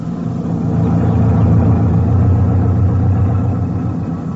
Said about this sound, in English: We traveled in a Jeep type of motor lorry.